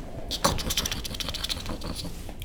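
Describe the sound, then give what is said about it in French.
Rapid, dry nibbling and scratching: a dense run of tiny crisp clicks and rasps at a steady, busy pace, fairly quiet and with no voices, of two small mice gnawing on a tree branch. “Il se retourne et au bout de la branche, deux petites souris qui grignotent gentiment la branche sur laquelle il est assis.”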